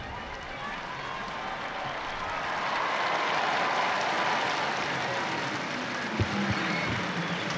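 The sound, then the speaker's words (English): A large crowd awaiting the Pope's Sunday noon address applauds and cheers as the clock strikes 12, in a steady, dense wash of clapping that swells slightly midway, sounding broad, with no clear speech over it. “So we just have to wait a few moments for the clock to strike 12, and at that point usually you can hear the crowds right on cue.”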